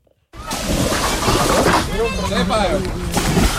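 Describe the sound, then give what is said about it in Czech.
Busy outdoor water scene on the Jizera river in Czechia, with steady splashing and sloshing overlaid by a crowd of voices calling and chattering, as hundreds of people paddle boats, rafts and a kayak and swim in the cool river during extremely high temperatures. “Jsou tady stovky lidí na lodích, ale hodně se jich přijelo také vykoupat.”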